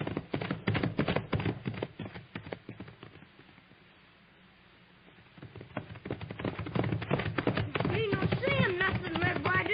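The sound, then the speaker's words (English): Rapid, rhythmic hoofbeats of galloping horses pound, fade almost to silence midway, then return and build again, with a voice calling out briefly near the end. “Ride him, pony. Stir him up, Papoose. Stretch him out, Thunder.”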